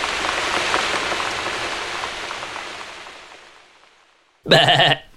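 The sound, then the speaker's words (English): Steady rain patters and slowly fades to near silence, then someone lets out a single short, loud bleat, a person making animal noises like those of the animals on the Wiggly Trail. “I'm making animal noises.”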